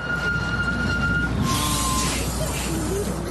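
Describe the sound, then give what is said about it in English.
A bus engine rumbles low and steady amid loud street traffic, heard from a car stuck behind the bus, with a faint siren-like tone drifting over the continuous vehicle noise. “Oh, I got stuck behind the bus again.”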